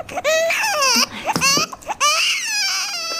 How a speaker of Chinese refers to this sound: 宝宝，不哭啊！你这孩子真是的。越忙你越听呢，你哭吧哭吧